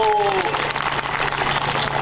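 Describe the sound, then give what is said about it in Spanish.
A crowd applauds the technicians who are working on the audio, with dense, continuous clapping, fairly loud, while a brief tonal whistle-like sound fades out at the start. “Aplauso para los técnicos que están haciendo su mejor esfuerzo.”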